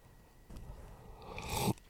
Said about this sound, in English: Let me get some coffee. Come on. Here we go. I've got a straw there. Let's have a sip so you can hear it better.